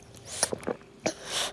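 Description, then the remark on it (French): Several quick, wet sucking and gulping noises as the baby doudou drinks from its bottle, ending in a soft breathy exhale. No one speaks. “Toudou propose au bébé doudou de boire son biberon.”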